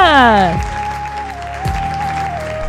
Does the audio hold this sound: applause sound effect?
yes